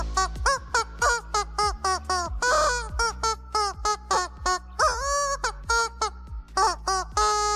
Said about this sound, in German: Das verrückte Huhn ist so ein Hundespielzeug. Hier so ein Gummiding, das lustige Geräusche macht, wenn der Hund drauf rumkaut.